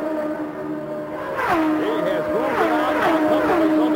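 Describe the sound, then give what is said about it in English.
Race cars, led by Rick Mears ahead of Mario Andretti and Michael Andretti, scream down the straightaway one after another to complete a lap, their high engine whine bending sharply up and down in pitch as each goes by, loud and layered over a constant engine drone. “Here they come down the straightaway to complete another lap.”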